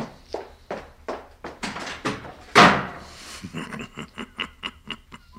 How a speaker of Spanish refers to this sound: Que se fue dando un portazo.